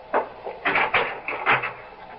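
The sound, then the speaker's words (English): A door opens and closes, heard as a short run of wooden clunks and rattles over about two seconds, with no one talking. “No, no, don't bother to come to the door. I'll let myself out.”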